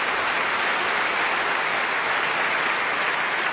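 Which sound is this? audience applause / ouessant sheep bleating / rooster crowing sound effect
audience applause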